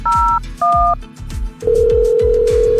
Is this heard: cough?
no